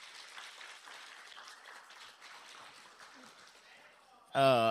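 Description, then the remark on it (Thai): A crowd claps steadily for about four seconds, a dense, even patter of many hands, in answer to a speaker asking who thinks saving money does not depend on earning much and can start right away. It ends as a man's voice starts speaking loudly. “มีใครคิดว่าการเก็บออมไม่ได้ขึ้นอยู่ว่าจะมีเงินมากหรือน้อยแต่เริ่มได้ทันทีปรบมือนะครับ”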